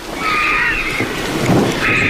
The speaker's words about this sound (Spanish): Y la tormenta que se va hacia Gredos, hacia allá lejos.